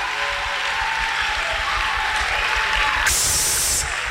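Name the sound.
audience clapping hands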